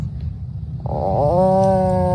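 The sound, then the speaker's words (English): A kid imitates an Atlantic puffin call: a low, rough growl that swells into a sustained, droning groan lasting a couple of seconds, fairly loud with no other sounds. “That's what a puffin sounds like.”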